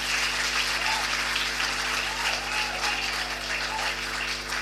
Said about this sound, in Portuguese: Uma forte salva de palmas aos músicos.